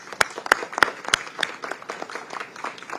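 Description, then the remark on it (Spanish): An audience applauds the mayor and his team, opening with several sharp, loud claps spaced about a third of a second apart before dissolving into a denser, steady patter of many hands clapping. “Este aplauso es para usted y su equipo, alcalde.”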